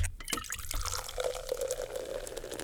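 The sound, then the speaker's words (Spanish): A drink being poured into a glass, used as the Coca-Cola tone of a promotion: a steady splashing, fizzy gush with a faint resonant tone that holds as the glass fills, playing alone without any talking. “Ese es el tono Coca-Cola que cada vez que suene, tú es el momento para que me compartas tu selfie al WhatsApp en cabina.”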